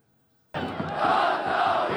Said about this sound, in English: The sound of football fans cheering is universal. Here in Aleppo, it's a sound that was silenced by fear. But this game was attended by at least 4,000 fans, a testament to a changing demographic landscape.